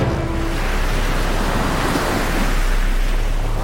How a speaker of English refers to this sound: Every day, 1.5 trillion tons of water pours down upon the earth as rain or snow.